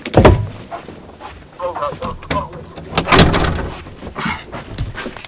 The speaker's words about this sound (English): Hold on one second, I need to close that door.